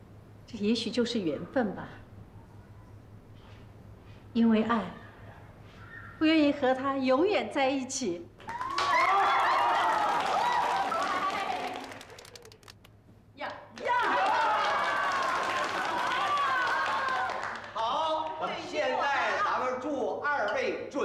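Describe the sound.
A crowd bursts into loud, sustained applause of encouragement for a couple about to be married, in two long waves of dense clapping, with brief bits of speech and a few scattered claps before and between them.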